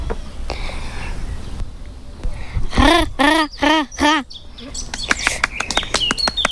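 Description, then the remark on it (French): A common raven calls, giving a quick run of five loud, evenly spaced croaking notes, followed by scattered faint clicks and chirps against a low background rumble. “Enfin, le bruit le, pas le bruit, le chant. Oui, le chant. Quoi, quoi, quoi. Je vais présenter le grand corbeau.”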